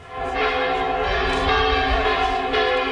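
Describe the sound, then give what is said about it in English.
The cathedral bells of the medieval city of Burgos in northern Spain ring out loudly, calling the faithful to prayer, their deep, resonant tones overlapping into a continuous, shimmering peal with no voices present. “The cathedral bells of the picturesque medieval city of Burgos call the faithful to prayer.”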